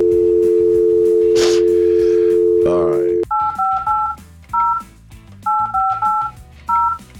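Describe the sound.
A steady phone dial tone hums for a few seconds as radio hosts of Houston's Eagles call a listener, then cuts off into a quick series of touch-tone beeps in short bursts, with a brief spoken word and faint background noise underneath.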